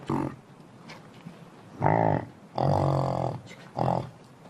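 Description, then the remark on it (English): Yaks, the common livestock of nomads in the high mountains, let out several loud, drawn-out grunting cries in separate bursts with short pauses between, deep and somewhat pig-like, against a quiet outdoor background without voices. “They look similar to cows, but their cries sound like pigs.”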